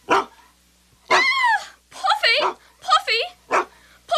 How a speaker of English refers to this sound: Couldn't tell you whose dog that is. This dog is determined to get your cat. He's a big dog trying to push me out of the way.